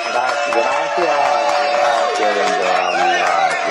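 A crowd applauds and cheers loudly for about four seconds, many voices whooping and shouting over a steady, dense wash of sound with no pauses.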